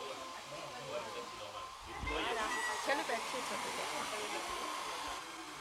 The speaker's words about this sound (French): Il faut laisser sécher, utiliser le sèche-cheveux. Est-ce que c'est sec? On n'a pas l'impression. Ben continue alors. Tant que c'est pas sec, continue.